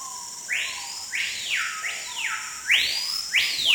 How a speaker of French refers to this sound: le chant archétypal du paysage sonore de forêt tropicale.